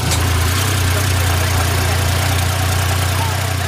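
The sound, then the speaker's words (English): A UTV's engine idles steadily, a loud, constant low rumble with a faint rattling texture and no change in pitch throughout. “I'm in the passenger seat of a UTV.”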